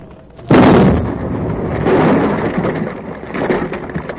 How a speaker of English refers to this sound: That blast made as much a dent on that fire as a Jersey mosquito on a boulder.